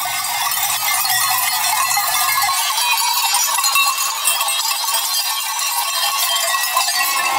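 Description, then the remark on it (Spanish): A flock of sheep moves up a steep ski slope, dense clanking bells and scattered bleats filling the scene steadily, with no one talking. “Las ovejas parecen impacientes por subir la empinada pista de esquí.”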